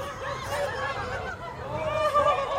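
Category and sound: bird, ducks quacking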